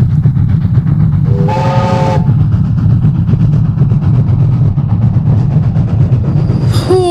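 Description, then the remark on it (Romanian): A long black train appears out of the fog on a railway line in full moonlight and rumbles steadily, a loud low roar throughout, with a brief tonal whistle early on and a sharp rising metallic screech of brakes at the very end as it stops in front of an old man. “Cu un scârțit metalic, trenul se opri chiar în fața bătrânului.”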